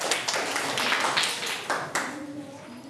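Children in a classroom clap together for a classmate coming out to present their group's work, a dense, steady patter of many hands that rises in bursts and then tapers off, with faint voices mixed in.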